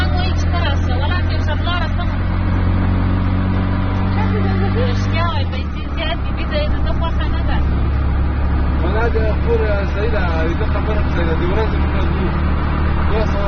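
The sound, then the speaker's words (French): An auto rickshaw's engine drones loudly and steadily while riding, with a brief drop in pitch partway through, as passengers squeezed tightly together in the cabin talk and chatter over the constant motor noise. “On n'arrive pas à les faire entrer dans le rickshaw et on roule comme ça, serrés les unes contre les autres dans l'habitacle.”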